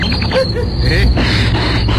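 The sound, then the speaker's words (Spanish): A spooky background track played to sound terrifying in a Halloween ad segment for Pacific Car Wash: a steady, continuous chirring of crickets or insects fills an eerie night-time ambience, with a constant high whine and a low rumbling bed underneath, loud throughout and no voices. “Tengo que poner este fondo para que se escuche terrorífico.”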